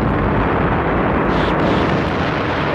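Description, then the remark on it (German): A gigantic explosion as a giant energy monster bursts into a thousand pieces after four million kilowatts surge through a long wire cable into it, rendered as a loud, sustained roar of dense rumbling noise that fills the whole clip without easing off; no voices are heard. “Eine gigantische Explosion, gefolgt von einem grellen Blitz, der den gesamten Planeten erhellte, ließ das Monster in 1000 Stücke bersten.”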